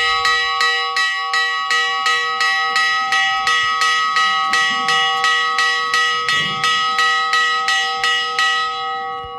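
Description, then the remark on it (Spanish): A bell announcing the closing of the town gates of Granadilla, an abandoned walled village in the north of Cáceres province, Spain, tolls in a steady, rapid series of about twenty even strikes, each ringing out with bright sustained overtones, loud, with faint background noise and no voices. “Así suena la campana que avisa del cierre de puertas, del momento en el que se enclaustra una vez más el viejo municipio de Granadilla, en el norte de la provincia de Cáceres.”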